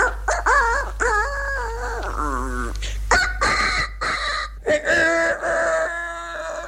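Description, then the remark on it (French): A man's voice imitates one of the smaller roosters in his stage rooster-crow act, several quick, high-pitched warbling crows in a row, fairly loud, ending in a clucking flourish. “Et puis alors, il y en avait des plus petits.”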